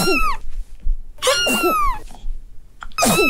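A cat coughs in three harsh, wheezy bursts, each mixing strained vocal tones with raspy breath, fairly loud with short pauses between them.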